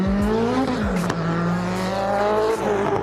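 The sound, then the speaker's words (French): A racing car engine roars steadily and loudly, its pitch rising and dipping with gear changes, while a thin high whistle from the turbo rides over the engine note. “On entend bien le turbo qui siffle.”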